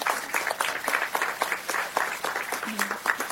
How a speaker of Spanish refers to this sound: Un aplauso.